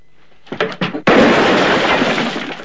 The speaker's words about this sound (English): Valance shoots a water jar that hangs from the roof beam close to Rance's head.